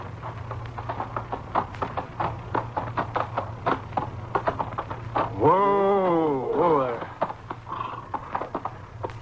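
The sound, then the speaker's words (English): A male horse's hooves clip-clop in a steady, rhythmic trot as it heads home toward a Piegan camp, over a low droning hum, briefly interrupted midway by a loud, wavering cry before the hoofbeats resume. “You're home, horse. Come on, boy, let's go in and shine.”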